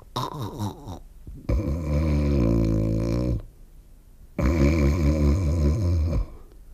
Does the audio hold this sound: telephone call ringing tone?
no